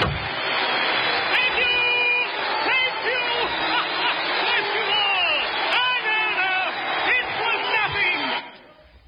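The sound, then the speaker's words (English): A loud, dense crowd of many voices shouting and cheering together, sustained without a break for several seconds, then dropping away abruptly at the end. “And the crowd, listen to them.”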